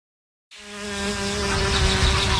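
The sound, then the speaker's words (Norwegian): After a short silence, a bumblebee's steady, low droning buzz starts abruptly and holds at an even pitch and fairly constant loudness, with no voices. “Sommer for meg er å la humla suse og livet bruse.”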